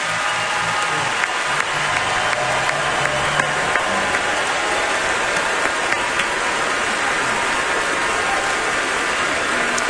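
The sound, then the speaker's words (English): The Grand Ole Opry audience breaks into sustained applause for active and veteran military members, a dense, steady wash of clapping that holds at an even loudness for the whole stretch, with a faint low hum underneath early on. “If we have any active or veteran military members, if y'all are able to stand, we'd love to give you a round of applause and a big thank you for everything you have done for our country.”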